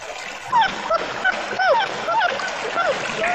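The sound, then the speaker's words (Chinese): A puppy whimpers and yips in a quick series of short, high-pitched squeaks over a steady, hissing background of noise. “哎呀，小狗。”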